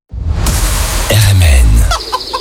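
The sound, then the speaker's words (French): Chickens cluck loudly and continuously over a busy, noisy background, with a drawn-out rooster crow rising in the middle of the short burst of farmyard sound, announcing the 44th bird fair and 17th poultry fair in Pontivy. “44e foire aux oiseaux, 17e foire aux volailles et 3e foire aux plantes à Pontivy.”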